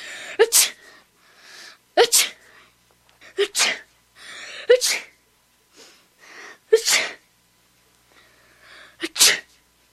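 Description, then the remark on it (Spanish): A child sneezes over and over, seven sharp, loud sneezes spaced a second or two apart, each with a quick intake of breath before it. “Y el niño estornudó 7 veces.”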